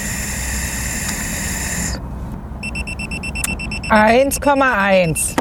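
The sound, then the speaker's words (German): A breathalyzer alarm sounds a steady, high electronic tone as a man blows into it again after drinking one and a half Maß of beer, then gives way to rapid repeated beeping, with a man's voice starting to talk over the beeps near the end. “Der schlägt hier wieder Alarm.”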